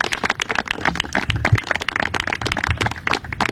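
An audience applauds at a press conference on housing in British Columbia with Premier David Eby and the Prime Minister, many hands clapping in a dense, continuous patter that holds at a fairly even loudness throughout, with no one speaking over it.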